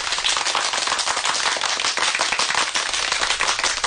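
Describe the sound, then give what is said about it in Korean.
A crowd claps enthusiastically after a speech by Mao Zedong, a dense, steady wash of many hands applauding at once, loud, sustained throughout with no voices heard. “사람들은 뜨거운 박수를 보내며 모태똥의 말뜻을 되새기었다.”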